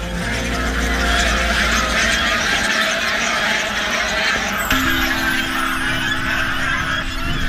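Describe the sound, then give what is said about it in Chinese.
A flock of farm-raised geese, hybrids of wild swan geese and domestic geese, honks loudly and continuously. Their calls overlap in a dense, noisy chorus with a rushing flutter of wings as they take off into flight. “原来这种动物叫做象海飞蛾，是野生鸿雁和家鹅的杂交品种。”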